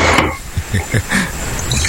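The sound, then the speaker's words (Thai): A cold drink is poured into a glass, a short burst of liquid splashing and glugging with faint glassy clinks, lasting under two seconds. “เติมนี่เป็นไงชุ่มชื่นหัวใจไหมฮะก็เลยต้องจัดเครื่องดื่มเย็นๆแก้ร้อนสักหน่อยใช่ป่ะ”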